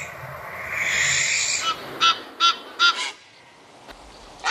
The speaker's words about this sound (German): Naja, zumindest Ungemach, wenn man von einer Schleiereule belästigt wird, einer Nilgans oder einem Graureiher.